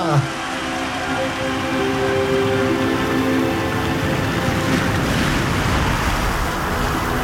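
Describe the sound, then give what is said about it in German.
Steady rushing surf with wind blowing over it, a continuous, fairly loud wash of noise with a faint low humming tone underneath and no voices. “Ein Windstoß hat sie ins Meer getragen.”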